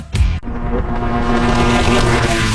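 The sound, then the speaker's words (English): A Sea-Doo GTI personal watercraft engine roars steadily on the water, a loud sustained drone with a low hum and harmonic whine, opening with a brief splashy burst before settling into an even throttle. “Get the whole family out on the water with the Sea-Doo GTI, most affordable, fun family watercraft on the market.”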